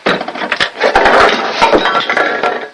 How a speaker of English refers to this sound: His toothbrush dangles in his mouth as he screws the cap on the toothpaste, then opens up the medicine cabinet. Stuff spills out.